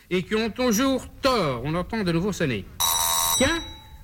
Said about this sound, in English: Mr. Smith, oh, the doorbell. Someone must be there.